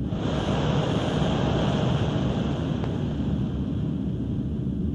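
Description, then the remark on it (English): Molten iron pours into a mold to cast an anvil, with a steady rushing roar and hiss that holds even for several seconds, marked by one brief crackle partway through. No voices are heard. “Now, how's that for a job of pouring?”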